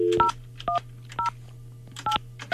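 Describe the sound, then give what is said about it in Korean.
A phone number being dialed on a radio show to call a listener: a quick series of about five or six sharp touch-tone beeps at irregular intervals, clear over a low steady hum, with no talking. “자, 방학생 무교생 기다리는 가운데 이분 한번 전화를 한번 해보겠습니다.”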